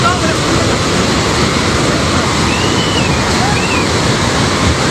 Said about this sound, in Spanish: Esto es el sonido del agua, llevándose por delante autobuses, edificios... La gente corriendo,